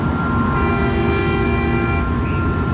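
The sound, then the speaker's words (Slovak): The horn of a car turning left at a pedestrian crossing blares in one long, unbroken, loud blast that holds steady for the whole moment, with a low rumble of traffic underneath and no voices. “Počuješ trúbenie auta?”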